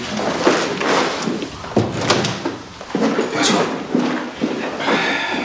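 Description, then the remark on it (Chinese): A door opens with a few sharp knocks and creaks of wood, followed by footsteps and shuffling movement as someone comes into the room. “下次进来要敲门。”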